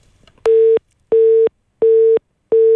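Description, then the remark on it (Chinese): A telephone busy signal: four steady, clear electronic tones pulsing in an even on-off rhythm, loud, as a call is redialed and does not get through. Nobody speaks. “挂了，再打一遍看有没有机会通，如果不通的话我们用工作电话打给他。”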